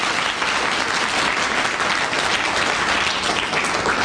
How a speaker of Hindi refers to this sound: तो फिर once more एक बार उनके लिए जोर से ताली बजाओ भाई।